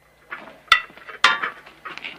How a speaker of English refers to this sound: Hallie collects more plates ready for serving.